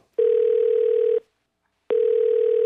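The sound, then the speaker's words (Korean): A telephone ringback tone heard twice: a steady electronic buzz lasting about a second, a short silence, then the tone starting again, loud. A woman is calling her husband on the morning of the Chuseok holiday. “그래서 이모가 이모부한테 전화를 해보셨는데요.”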